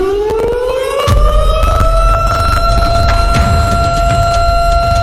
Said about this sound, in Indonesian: Yap, alarm bencana.